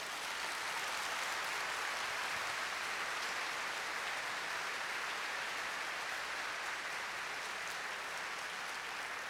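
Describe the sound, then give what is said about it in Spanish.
A large crowd claps steadily for several seconds, a dense, continuous wash of applause at even volume with no voices rising above it, applauding the Lord. “Aplaudan al Señor.”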